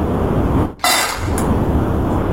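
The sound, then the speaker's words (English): A quick, bright rattle of dry dog food poured into a bowl, a short burst of hard little pieces clattering together that lasts about half a second, with no talking. “It sounds like dog food. Your guess is? Correct.”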